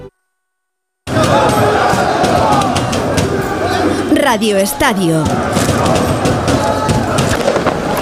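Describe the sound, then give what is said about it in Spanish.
A roaring street celebration crowd in Paris on the night of 30 May, after Paris Saint-Germain won its second Champions League in Budapest, loud and dense with cheering and chanting, joined midway by a sweeping, wavering whistle-like tone. A voice briefly speaks over the din. “Esto que escuchas es la noche parisina, la noche del 30 de mayo en el que el Paris Saint-Germain conseguía, a unos poquitos de kilómetros de distancia, en Budapest, su segunda Liga de Campeones, su segunda Champions.”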